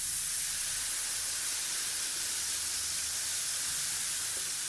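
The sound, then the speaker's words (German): Baking powder from a packet fizzes steadily in hot water in a bowl, a continuous, bright hissing with a faint crackle running through it and no pauses or voices. “Ach, herrlich, wie es zischt.”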